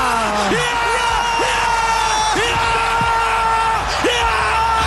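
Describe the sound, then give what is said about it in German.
A loud crowd of football fans roars and cheers in celebration after a penalty goal puts Switzerland into the quarter-final, with many voices yelling and whooping over one another in a continuous, dense wall of jubilant noise. “Es ist einfach zu schön, um nicht nochmal schwelgen drin in diesen Jubeltönen.”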